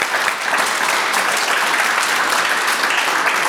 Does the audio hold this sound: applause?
yes